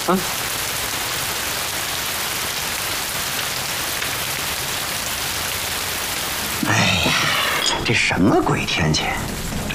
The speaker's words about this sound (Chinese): 这什么鬼天气，下起来没完了。下雨好啊